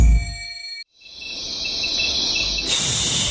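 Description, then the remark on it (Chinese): A steady, high-pitched whine and buzz of mosquitoes and flies drones on with no talking, briefly cutting out near the start before returning as a denser, slightly louder hum of buzzing insects. “嘘，你听，他们正在开会。”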